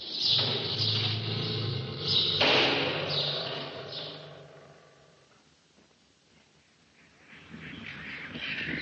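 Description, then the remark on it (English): Large Quaker parakeets in a cage screech loudly and harshly in a rapid overlapping chorus as people walk past, fall quiet for a few seconds, then start squawking again near the end. “Well, we're just passing a cage with some birds called Quaker parakeets, which are simply enormous, and they make quite a lot of noise.”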